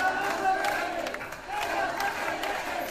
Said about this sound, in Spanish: En Badajoz, miles de pacenses se concentraban en la Plaza de España de la localidad pacense. Tras escuchar el himno ceutí, hubo un minuto de ovación y gritos de Ceuta no se vende, Ceuta se defiende.